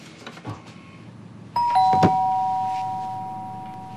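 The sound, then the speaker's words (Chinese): A doorbell rings once partway through, a clear two-note chime whose tones ring out and slowly fade to the end, after a quiet stretch of faint room noise. “开门去，你爸回来了可能。”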